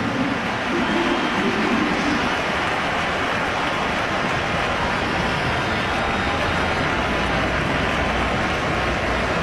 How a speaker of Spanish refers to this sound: Ahí viene, y por eso los aplausos. La gente se levanta acá en el Ramón Sánchez Pizjuán.